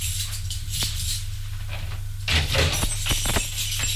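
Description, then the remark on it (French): A door on the third floor is opened partway through, with a cluster of clicks, knocks and rattling over a steady low hum and hiss. “Arrivée au troisième, elle ouvre la porte.”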